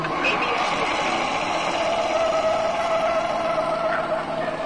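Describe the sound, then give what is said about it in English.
A car brakes hard with anti-lock brakes (ABS) on a test track, driven up to cones and steered through while braking: a loud, steady roar of tire and road noise with a whining tone running underneath for several seconds, continuous. “Braking! All right, that's the way it ought to be. You see how ABS lets you keep control of the vehicle while braking?”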